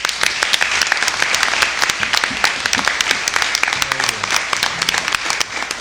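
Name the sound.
applause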